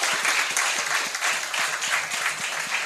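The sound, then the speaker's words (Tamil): An audience applauds steadily, many hands clapping at once in a dense, continuous patter that holds an even loudness throughout, with no voices standing out. “இதா கை தட்டலாம்.”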